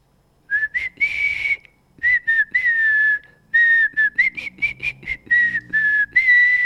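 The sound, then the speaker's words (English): A person whistles a lively, bouncy pop melody in short phrased bursts with brief pauses between them, loud and clear with no talking. “I'm going to do a little bit of the whistle and then I'll let you know what it was.”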